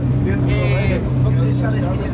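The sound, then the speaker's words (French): A Portuguese gendarmerie coast guard patrol boat engine drones steadily and loudly, with a low humming tone and rushing wash throughout, as the vessel heads out to sea from Lisbon on a night patrol; a faint muffled voice briefly surfaces. “Chaque soir, depuis Lisbonne, … et son équipe prennent le large.”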